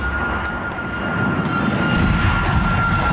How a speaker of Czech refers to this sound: Občas nám nad hlavami proletí letadlo.